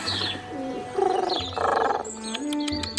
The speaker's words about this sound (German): Da! Da kommt sie! Gott sei Dank! Da ist Paloma! Ach, mein Täubchen!